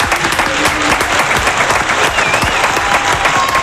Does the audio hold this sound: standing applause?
yes